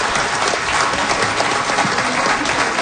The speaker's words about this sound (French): Je pense qu'on peut l'applaudir encore une fois.